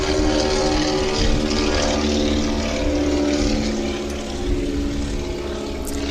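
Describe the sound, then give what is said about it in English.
A tri-motor propeller airplane drones overhead, a loud, steady, throbbing hum with layered tones that stays strong for the whole stretch and eases only slightly near the end. No one speaks. “We'll let the tri-motor pass here.”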